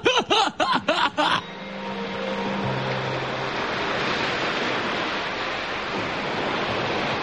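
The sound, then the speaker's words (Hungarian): Waves break on a rocky shore with rocks stretching for miles, in a steady, loud wash of surf that fills the scene, after a short burst of rhythmic, laugh-like calls at the very start. “Micsoda part. Mérföldekre elhúzódó sziklák. Mögöttük kemény parti homoksáv.”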